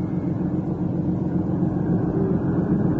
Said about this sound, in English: Jimmy and Naomi Clinton sat impatiently in their motor car, a long low Invicta.